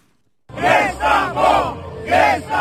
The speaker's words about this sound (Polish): Wzburzony tłum protestujących przed Trybunałem Konstytucyjnym i przepychanki z policją.